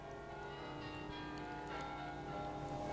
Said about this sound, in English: On Christmas Eve, 1966, I was alone in my own room. Somewhere down the street came the sound of Christmas bells.